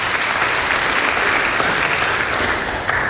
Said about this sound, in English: Yeah, you can give God a clap for that.